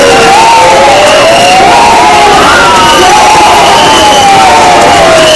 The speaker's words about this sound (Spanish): con gritos de fuera, fuera, la recibida Elena Cambio en la Plaza Mayor de la localidad